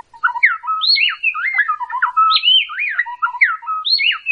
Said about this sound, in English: On the project's website, femalebirdsong.org, you can hear various birds of both sexes and complex duets sung by pairs of songbirds like these black-bellied wrens.